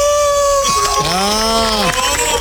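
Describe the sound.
A man lets out a long, rising-and-falling vocal howl imitating a wolf, loud, with a crowd murmuring in the background.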